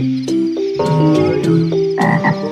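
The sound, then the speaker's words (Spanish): A frog, Don Rana, croaks loudly in a quick run of overlapping, throaty calls, several croaks tumbling over one another with no voices present. “¡Adiós, Don Rana!”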